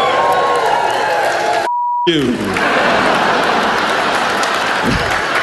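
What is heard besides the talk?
audience cheering and applauding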